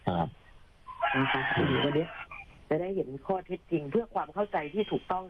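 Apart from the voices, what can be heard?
rooster crowing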